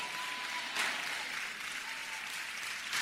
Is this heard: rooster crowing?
no